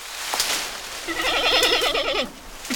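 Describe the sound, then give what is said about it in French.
A giant panda gives a single wavering, goat-like bleat lasting about a second, its pitch trembling rapidly, with no voices around it. “C'est un grand panda.”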